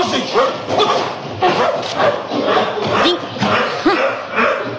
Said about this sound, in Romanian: Îl cunoști cumva pe câinele ăsta? Eu nu l-am văzut niciodată, domnule capitan. Și dacă se mai repede așa la mine, nu știu ce o să se întâmple.